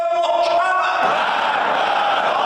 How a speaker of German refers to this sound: Tod Amerika, skandieren die Gläubigen.